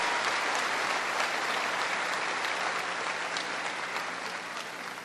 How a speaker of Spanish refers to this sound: Démosle un fuerte aplauso a Jesucristo por este poder y este amor para nosotros.